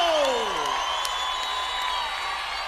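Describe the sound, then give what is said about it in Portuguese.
A large live crowd at a Brazilian forró concert being recorded for a DVD applauds and cheers steadily, a dense, loud wash of clapping with whoops and high shouts rising over it, continuing without a break. “Vamos aplaudir o forró popular brasileiro!”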